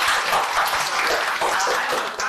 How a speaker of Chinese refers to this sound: 那好，掌声送给他们。